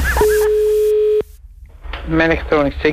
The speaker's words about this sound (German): Das Telefon.